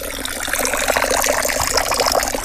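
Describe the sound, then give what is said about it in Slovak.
A thin trickle of water runs steadily from a spring behind a log cabin in the forest, in fairly dry weather, a continuous light splashing and bubbling with no pauses and no voices. “Idem sa pozrieť, pretože je pomerne sucho a našťastie vodička tečie. Síce drobným a tenkým cícerkom, ale tečie.”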